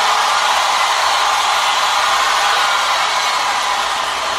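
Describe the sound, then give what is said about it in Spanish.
A loud, dense wash of crowd applause, steady and unbroken for the full few seconds, with many hands blending into a continuous hiss and no voices rising above it. “Su aplaudi lei, un applauso alle fuerte, por favor, dalle fuerte, fuerte, fuerte, fuerte, fuerte, fuerte, fuerte.”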